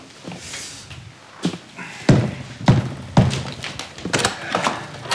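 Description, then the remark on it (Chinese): A door being opened up close: a rattle of the latch mechanism, then three heavy clunks in quick succession, followed by softer shuffling and handling noises. No voices. “你怎么才开门？”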